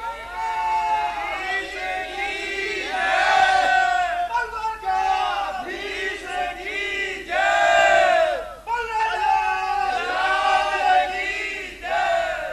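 A large crowd at a temple shouts devotional chants of victory after the aarti, in loud, overlapping waves, many voices rising and falling together in rhythmic, tonal cries that continue without a break.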